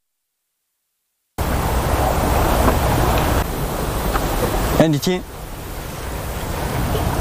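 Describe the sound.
Waves of Poyang Lake slap against a cliff at Shizhong Mountain below a pagoda and wash into a cave, resonating there, making a steady, rushing roar of water that barely changes in level. A voice speaks briefly partway through.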